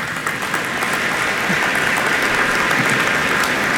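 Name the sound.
audience applause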